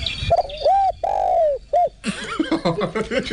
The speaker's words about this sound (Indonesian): Ada bunyi dia ada tu kan. Ada bunyi burung terkukur.